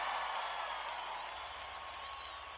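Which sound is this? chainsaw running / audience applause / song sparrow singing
audience applause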